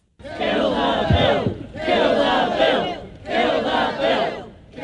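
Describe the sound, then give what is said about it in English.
A large crowd shouts in unison, repeating a chant in three loud, rhythmic bursts with brief pauses between them, the voices dense and raised. Protest rally outside Parliament in New Zealand by relatives of the Pike River victims and the Council of Trade Unions, against proposed changes to health and safety laws. “Today, relatives of the Pike River victims joined the Council of Trade Unions as they rallied against the changes outside Parliament.”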